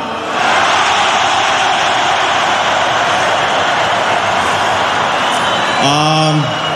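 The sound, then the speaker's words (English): A large arena crowd in Montreal cheers for Jakub Dobish after Game 3, in a loud, steady roar that holds for several seconds without letup, with a short tonal call rising over the noise near the end. “What can you tell this crowd?”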